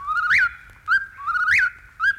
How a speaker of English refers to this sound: Now, if you're quiet, I think you can hear the whippoorwill in the distance. Here he comes.